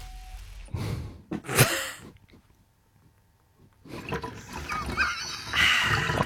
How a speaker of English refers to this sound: Pour it back. Okay, pour it back into the milk jug. Pour it.